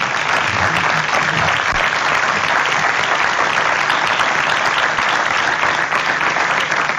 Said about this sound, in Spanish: Un aplauso, por favor.